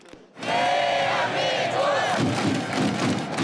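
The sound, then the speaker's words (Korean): A large crowd of football supporters in Gwanghwamun square chants the 'Daehan Minguk' cheer in unison, along with cheering songs and drums, a loud, sustained roar of many voices starting abruptly after a brief quiet moment, with faint drum thumps beneath. “선수들이 공격 기회를 잡을 때마다 환호성이 터져나왔고 응원가와 북소리, 대한민국 구호가 광장에 울려 퍼졌습니다.”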